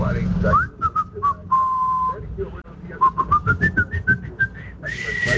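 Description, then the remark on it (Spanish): A caller whistles the FM Globo radio jingle melody, sustained tones stepping through the tune then a run of quick, choppy notes, with some background noise underneath. “tuvo el sentido de quererla silbar”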